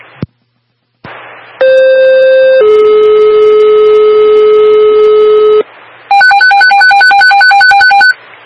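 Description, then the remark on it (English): A telephone rings loudly and electronically: first a long steady two-pitch tone, then a rapid warbling trill that repeats for a couple of seconds. No one speaks. “The phone has been added, then I'll phone it now.”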